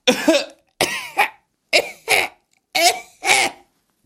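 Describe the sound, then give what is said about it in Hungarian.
A voice imitates coughing: six close, loud cough sounds in three quick pairs, each double cough followed by a short pause, with no other talking. “Prüszkölni fogtok, és így köhögtök.”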